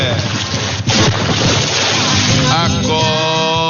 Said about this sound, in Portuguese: O água é gelada, hein? Essa aí acorda até defunto, viu? Joga água nele,